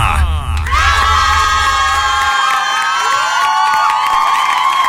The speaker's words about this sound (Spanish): ¡Qué tanto aplauso, pues!